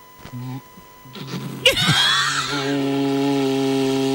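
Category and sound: ox horn being blown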